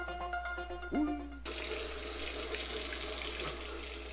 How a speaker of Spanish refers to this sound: Si no cerras la llave mientras lavas los platos o te cepillas los dientes, estás desperdiciando el agua que se tomarían 44 personas en un solo día.